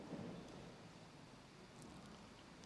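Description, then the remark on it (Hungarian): A steady hiss of heavy rain fills the scene while a low, rolling rumble of thunder swells near the start, with no voices present. “Apostolok kint vannak a Gennezáreti tón, hirtelen vihar.”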